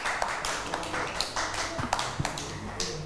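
A short burst of hand clapping, several quick claps in an uneven rhythm at moderate loudness, with no talking over them.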